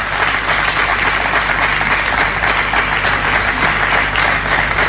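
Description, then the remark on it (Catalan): A crowd applauds the Comissió de Festes (festival committee) steadily, a dense, even wash of many hands clapping at once, loud and sustained for the whole stretch with a low hum underneath and no voices. “Felicitats i un aplaudiment per a la Comissió de Festes.”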